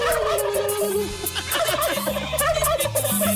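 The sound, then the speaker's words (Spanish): A turkey gobbles in rapid, warbling bursts, loud, over a steady musical backing with a thumping bass line. “A pavo.”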